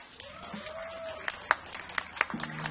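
A crowd applauds, a wash of clapping with a few sharper individual claps standing out, heard at a moderate, somewhat distant level without any talking.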